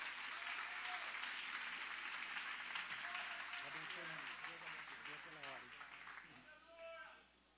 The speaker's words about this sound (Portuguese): com palmas bem forte para Jesus.